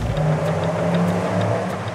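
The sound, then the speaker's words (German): A car engine revs loudly with a deep, steady rumble and a droning tone that swells slightly, holding continuously for the whole moment with no voices. “Autobauer und Nachrüstfirmen machen Kasse mit Lärm auf den Straßen.”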